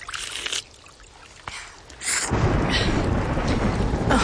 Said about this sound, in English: Oh, it would rain.